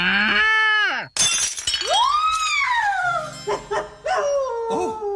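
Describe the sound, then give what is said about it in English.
A figurine of a girl milking a cow hits the floor and shatters in one sharp, bright crash, breaking the cow's leg, followed by tinkling bits and a few small clinks, framed by whining, howl-like tones before and after. “Look at this mess! I'm afraid your cow has broken its leg.”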